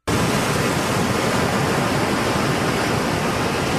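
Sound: ocean waves sound effect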